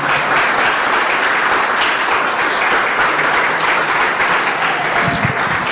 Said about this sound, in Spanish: ¿Cuántos le creen al Señor? Le podemos dar un fuerte aplauso, pero poderoso aplauso.